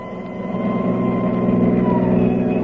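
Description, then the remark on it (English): An ambulance engine runs at a steady idle, a continuous low rumbling drone with a faint whine riding on top, holding an even loudness throughout with no voices. “Many's the time Kildare rode with me in this ambulance.”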